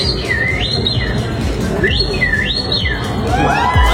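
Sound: person imitating birdsong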